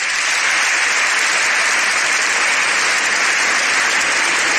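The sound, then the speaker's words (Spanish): A large crowd gives the Pope an ovation, applauding in a loud, dense, continuous wash of clapping that holds steady throughout, with no voices standing out above the ovation. “Rafael Manzano desde España, con este hecho histórico, el Papa y su ovación.”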